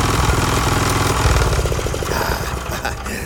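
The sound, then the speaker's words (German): A mechanical engine, freshly oiled, runs steadily with a loud, rapid rhythmic chugging and knocking, a dense low pulsing that holds its pace throughout with no one speaking. “Die Ullung hat ihm gut getan. Stimmt, der schnurrt jetzt wie ein Kätzchen.”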